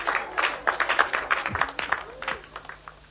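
A crowd applauds, with quick, uneven claps forming a dense, steady patter that rises and dips a little over a few seconds. A faint low hum runs underneath.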